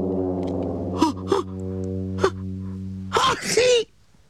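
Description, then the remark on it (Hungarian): A few short sniffly bursts build up to one loud, explosive sneeze near the end, all over a steady, sustained musical drone. “nagyot tüsszentett, az óriás meghallotta.”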